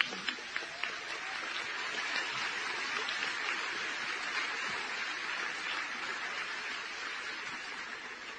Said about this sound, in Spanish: Un fuerte aplauso por el Festival de Jazz de Vitoria.